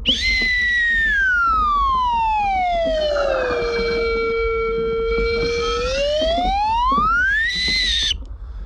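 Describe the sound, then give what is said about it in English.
A slide whistle plays one long, loud glide, sinking slowly from a high pitch to a low, steady tone, then sweeping back up high before stopping abruptly, over a faint murmur. “Okay, so we got a little slide whistle.”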